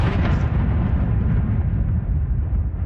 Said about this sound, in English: The hum of an incoming Russian drone targeting Kyiv. This was another night of heavy attacks on the Ukrainian capital.